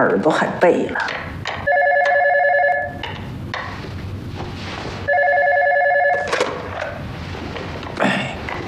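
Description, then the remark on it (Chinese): A telephone rings twice during the Chinese New Year holiday, a call from the gatekeeper: two loud, steady electronic trills about a second long with a pause between them. People talk and move around in the background before and after. “那个门卫刚来的电话。”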